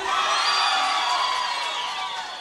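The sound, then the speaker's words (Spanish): An audience cheers and claps loudly for a woman, a dense wash of whoops and shouts mixed with applause that holds steady and then slowly fades slightly toward the end. “A ver, aplauso para ella. ¡Aplauso para ella!”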